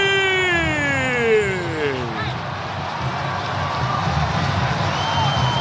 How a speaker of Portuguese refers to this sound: Rony carimbou o poste, a galera aplaude o Rony. Geralmente ele mete pra fora, quando acerta a trave é pra aplaudir mesmo, hein?